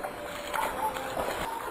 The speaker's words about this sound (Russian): Но пока он стоял, вглядываясь в личико девочки, на котором застыло умоляющее выражение, снаружи послышались шорох и чей-то торопливый шепот, сопровождаемый хлюпаньем, как будто кто-то ступал по грязи.